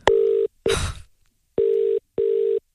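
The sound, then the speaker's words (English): Telephone tones during dialing: steady electronic beeps in two short pairs, clear, with a brief rustling clatter after the first beeps. No one speaks. “And she has said that we can call Lola and give her the good news.”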